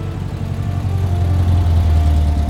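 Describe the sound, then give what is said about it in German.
A car engine idles with a steady, low rumbling hum that holds at an even level throughout, with no voices, as the car is parked and locked in Coyoacán, October 1939. “Ramon parkte und schloss den Wagen ab.”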